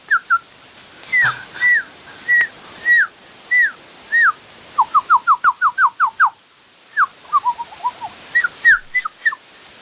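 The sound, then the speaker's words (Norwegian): A recording of a bird calling repeatedly with short, clear whistled notes, first spaced out, then in a quick run of rising chirps, then scattered again, loud with no talking. “Nå skal du få et spørsmål om en fugl.”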